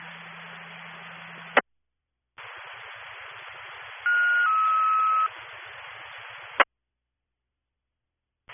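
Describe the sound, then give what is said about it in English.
Crackling, band-limited radio static cuts in and out, then a loud two-tone dispatch page for Engine 2 sounds: one steady pitched tone stepping down to a slightly lower one, about a second long, before the static clicks off. “Engine 2, disregard tones and print out.”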